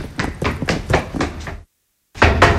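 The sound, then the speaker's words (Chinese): Loud pounding on the door of an elderly man's third-floor home: about six rapid, heavy knocks, a brief silence, then the banging starts again. No voices are heard. “乔大爷，乔大爷，开门呐，开门！”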